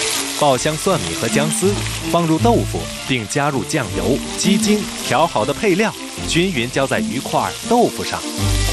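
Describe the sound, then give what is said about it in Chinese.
Pieces of catfish coated in a little starch sizzle steadily in oil at about 70% heat, frying until golden on both sides for pan-fried catfish, a constant crackling hiss running underneath a person talking throughout. “将鲶鱼片裹少量生粉，7成油温迅速入锅，煎至两面金黄取出”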